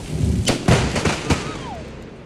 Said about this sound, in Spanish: Los habitantes de esta zona utilizan cercas electrificadas para que los animales no se salgan. Y esta lluvia iluminó el paisaje con un rayo que cayó sobre la cerca.